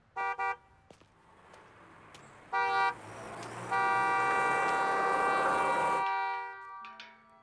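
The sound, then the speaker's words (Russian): Passenger cars move slowly past along a street through steady traffic rumble, punctuated by two short horn toots and then a long, loud sustained honk before things quiet down. “Рядом медленно проезжают легковые автомобили.”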